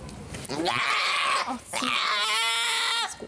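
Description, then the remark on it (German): A goat or sheep, given a small needle prick for disease testing, lets out two long, loud, strained bleating screams, each wavering in pitch, separated by a brief pause. “Kleiner Stich, ein Riesengeschrei.”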